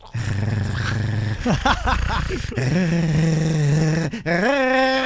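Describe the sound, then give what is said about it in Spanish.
A person imitates a dog growling over its food as a hand comes near, a low sustained growl rumbling steadily before rising into sharper snarling bursts and a final drawn-out growl, loud with no other talk. “yo te voy a hacer como perrito cuando le sirves su comida y luego peligrosamente acercas tu mano.”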